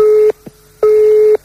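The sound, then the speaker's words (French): A telephone ringing tone sounds over the line on a call to a private home: a steady, mid-pitched electronic tone repeating in loud on-off pulses, with two bursts heard and no voices. “On appelle donc chez les particuliers, on joue au jeu du corneau.”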